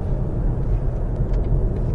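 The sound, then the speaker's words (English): A steady, low road rumble fills the cabin of a car cruising at 70 miles an hour on the motorway, with very little wind noise, only a faint hiss above the broad, even drone, and no voices. “cruising at 70 miles an hour, very little wind noise.”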